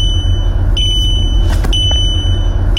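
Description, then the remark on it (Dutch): A car's high-pitched electronic warning beeps sound in long, steady tones broken by brief gaps, over a constant low rumble of the vehicle. “Ja, tegenwoordig kun je veel piepjes uitzetten met 1 druk op de knop.”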